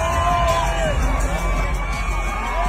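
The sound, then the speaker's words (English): A large arena crowd at a WNBA game in Las Vegas roars and cheers steadily as Giannis and Bam Adebayo walk out of the tunnel, with loud sustained crowd noise, scattered whoops and high shouts rising over the dense, constant din. “As the crowd reaction to seeing Giannis and Bam Adebayo walk out of the tunnel at a WNBA game last night in Las Vegas.”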